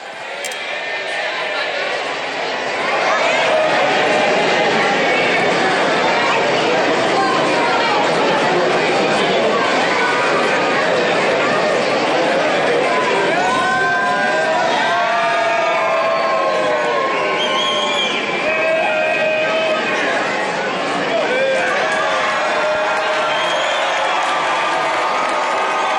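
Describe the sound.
A large outdoor crowd of residents and pilgrims cheers and applauds continuously as Pope Leo XIV appears at his lectern for the Sunday Angelus, with excited shouts and high calls rising above a dense, steady roar of many voices that swells after the first few seconds.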